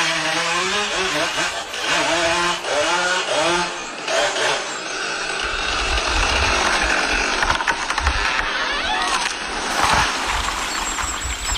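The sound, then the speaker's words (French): An old chainsaw, held in a man's right hand and switched on with its black On button, sputters and revs in rising and falling bursts, then settles into a loud, steady buzzing roar, with a deeper rumble joining the second half. “Zachary saisit fermement la vieille tronçonneuse dans sa main droite.”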